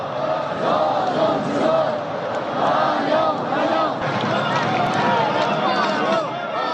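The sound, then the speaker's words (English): A large crowd cheers and shouts continuously, many overlapping voices blending into a loud, steady roar with no single speaker standing out. The crowd lines both sides of the road from the airport to Kim Il-sung Square, waving and cheering to welcome President Xi Jinping. “Along the route from the airport to Kim Il-sung Square, crowds gathered on both sides of the road to welcome President Xi Jinping with waves and cheers.”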